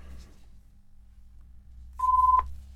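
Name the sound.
telephone dialing and ringing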